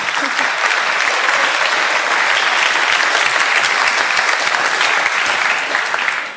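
A crowd claps steadily for several seconds, a dense, even wash of many hands with no pause, tapering slightly at the very end. No one speaks over it.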